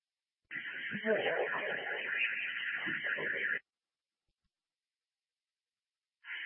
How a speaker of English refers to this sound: Alarms are now sounding. Roger. Two lobby, can you silence the alarm, please? Message. Can you please silence building alarms? There is no building alarms. I think it's just a alarm contained to the unit.